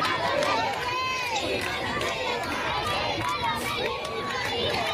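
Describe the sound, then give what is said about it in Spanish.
A large crowd cheers and shouts continuously, many overlapping voices with possible clapping mixed in, a steady, loud, dense and energetic roar. The crowd cheers Pope Leo XIV as he rides standing in the popemobile past the front of the Royal Palace in Madrid, Spain, on a sunny day. “Mucha alegría, aplausos, vítores a León XIV.”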